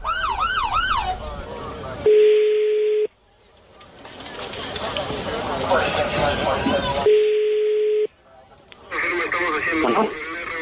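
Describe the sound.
A police patrol car siren wails in quick rising-and-falling sweeps at the start and returns near the end, loud, with steady electronic tones and busy background voices in between.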